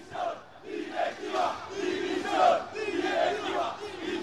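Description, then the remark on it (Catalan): A football crowd roars and chants outside the Son Moix stadium in Mallorca, voices swelling and falling in rhythmic waves. Loud cheering peaks midway as the Mallorca team bus pulls away. “Escoltàvem els exteriors de l'estadi de Son Moix.”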